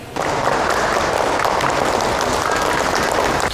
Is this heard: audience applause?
yes